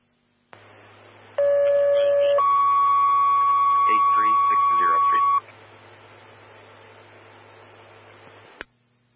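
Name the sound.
fire dispatch alert tones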